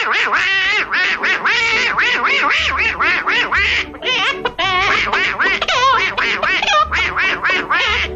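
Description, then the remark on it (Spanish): A man's voice imitates a duck, rattling off loud, rapid quacking syllables almost without pause, singing in a raspy duck voice as the duck in a duet with a hen in a musical short film, with faint low musical notes underneath. “había una canción que cantaban a dúo una gallina y un pato, y Nash le ponía la voz al pato”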